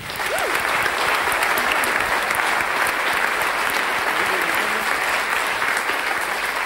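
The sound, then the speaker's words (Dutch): An audience at a concert in a cultural centre applauds the sound and lighting technicians steadily, a dense, even wash of clapping that holds at a constant loudness throughout, with faint voices or a brief whistle just audible within it. “Mogen wij uw applaus ook voor de mensen aan de techniek.”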